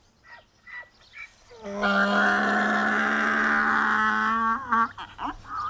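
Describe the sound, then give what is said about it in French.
A tethered donkey brays loudly in one long, harsh, sustained call, preceded by a few shorter grunting breaths and ending with gasping inhales. “Mais c'est un âne! Il crie comme ça parce qu'il est attaché.”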